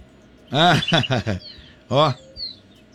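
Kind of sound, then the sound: bird, birds singing at dawn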